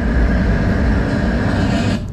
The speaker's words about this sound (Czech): Teď jsem zvedl ruku, protože jsem slyšel hukot, jak se blíží tramvaj. Jak daleko jsem byl? Tramvaj jste uslyšel zhruba ve vzdálenosti 43 metrů.